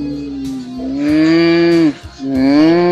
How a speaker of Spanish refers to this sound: Ay, parece una vaca.